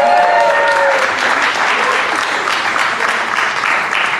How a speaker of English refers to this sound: But don't clap too hard for her, though.